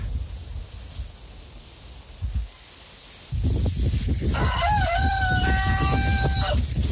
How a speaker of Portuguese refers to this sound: Galo inglês, hein?